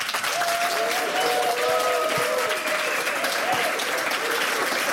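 Steady applause from a large audience fills the whole stretch, a dense even patter of many hands clapping at constant loudness, with faint tonal voices or cheers threading through.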